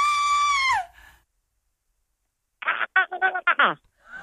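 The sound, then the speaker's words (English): A loud, sustained high-pitched real scream cuts off with a downward slide, followed by a pause and then a series of short, choppy screaming bursts from a person trying to imitate it. “I'm going to play you a real scream and then you should try and scream for us.”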